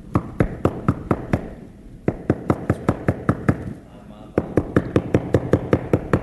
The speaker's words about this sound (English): Knocking, trying to get in the church.